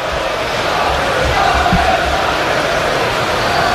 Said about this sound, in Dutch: Het schaam je kapot klinkt volgens mij vanaf de tribune. Omdat die supporters daar hun gezwaai en hun hints onbeantwoord zag.